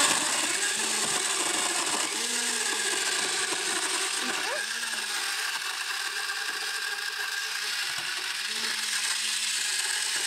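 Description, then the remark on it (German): A countertop blender mixing a frozen slushy drink roars steadily for the whole stretch, a loud, dense grinding whir that never lets up, with faint voices murmuring underneath. “Wenn ich jetzt keinen Mixer zu Hause habe, kannst du das mit einem Stabmixer auch machen?”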